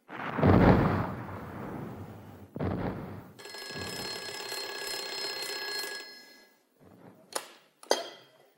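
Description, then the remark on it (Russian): A field telephone rings with a steady, buzzing bell for a few seconds, following two heavy thuds, then stops; a couple of sharp clicks follow, with no talking. The call is for Captain Enakiev. “Капитана Енакиева к телефону.”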